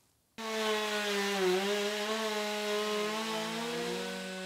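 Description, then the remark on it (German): A chainsaw starts abruptly and runs steadily, stripping bark and sapwood from wood, its engine pitch dipping slightly as it bites in, with a gritty rasp of cutting throughout and no voices. “Erst mit der Kettensäge hole ich die Rinde und das Splintholz runter.”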